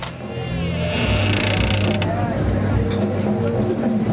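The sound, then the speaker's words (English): The back door of a bar called Drifters creaks open with a long, grinding mechanical groan, fairly loud, over a steady background rumble, with no voices. “He breaks into a run, then enters the bar via a back door.”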